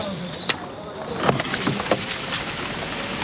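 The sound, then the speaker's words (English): A truck carrying aid and relief supplies drives slowly along a muddy, narrow, winding road, its steady engine rumble mixed with sloshing and splashing, plus a few sharp knocks, with faint muffled voices in the background. “The truck is moving. They're moving.”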